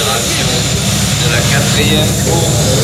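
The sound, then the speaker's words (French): Loud, steady rumble of tractor engines running continuously as the tractors water the race track at the 2019 Grand Prix du Conseil Régional horse race meeting, with a broad hiss of machinery noise and faint voices in the background. “Beaucoup de bruit sur le site, évidemment, avec les tracteurs qui sont en train d'arroser la piste.”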